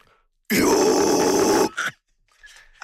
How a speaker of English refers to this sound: One thing that you guys mention a lot is that your approach to singing and your vocals is much more clean than the traditional metal sound, which sounds like screaming. But there are moments when you scream. Can you illustrate?